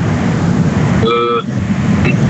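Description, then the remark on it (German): Loud, steady street traffic rumbles throughout, heard behind a caller on a phone call, and a single car horn honks for about half a second midway, with a brief second toot near the end. “Also es ist sehr laute Straßengeräusche.”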